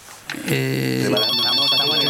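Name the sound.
telephone ringing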